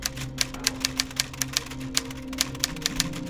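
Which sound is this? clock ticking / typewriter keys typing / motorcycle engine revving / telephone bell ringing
typewriter keys typing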